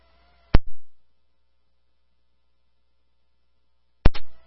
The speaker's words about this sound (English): We still have power here. It's still humming. Multiple lines down and the homes destroyed.